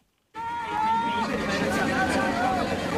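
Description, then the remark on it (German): After a brief silence, a crowd of spectators at a sports competition in a sold-out exhibition hall in Shanghai, China, erupts into loud, sustained cheering and shouting over the last meters of the contest, with excited voices and calls rising over a steady roar of noise. “Die Zuschauer fiebern mit, feuern an auf den letzten Metern eines Sportwettbewerbs in der ausverkauften Shanghaier Messehalle.”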